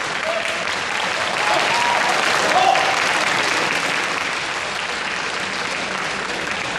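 An audience at the Magnolia Awards ceremony applauds to congratulate Dong Zhe on his award: a dense, steady wash of clapping that stays loud and even for about seven seconds, swelling slightly midway before holding at the same level to the end.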